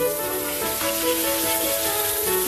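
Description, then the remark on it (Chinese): A beef steak sizzles in a hot frying pan, being seared toward about 54 degrees, a steady, bright hiss of searing fat that holds at an even loudness, with faint sustained tones underneath. “菜都备好了，我们现在开始煎牛排，出发。”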